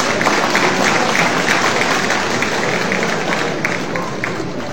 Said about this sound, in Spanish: para él merecido aplauso también, por favor.